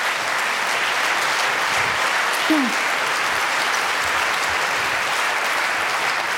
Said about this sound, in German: Ja, bitte Applaus, bitte, bitte, bitte.